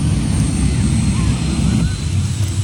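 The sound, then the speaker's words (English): A loud, steady jet engine roar fills the whole stretch, deep and rumbling with a hissing edge, barely changing in level, dipping only slightly near the end. “I don't know what's going on over here. Jet bike, jet car, jet something.”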